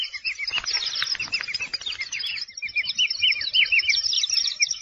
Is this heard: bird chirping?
yes